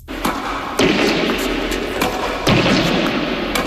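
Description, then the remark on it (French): A series of sharp tennis racket strikes on a ball by an 88-year-old player, about five crisp pops at an irregular pace, heard over a steady outdoor background hiss with no one speaking. “Alors, ce que vous entendez, ce sont les coups de raquette d'un joueur qui a aujourd'hui 88 ans, mais qui, à la grande époque, a accompli beaucoup pour son sport.”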